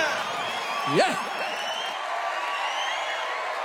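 A crowd applauds and cheers in a steady, dense wash of clapping, with one sharp rising-and-falling whoop about a second in, then continuing evenly to the end.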